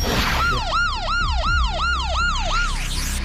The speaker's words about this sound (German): Ja, das hört sich auf jeden Fall nach einer Sirene an, ne? Das klingt nach einer Sirene. Das sind die Sirenen.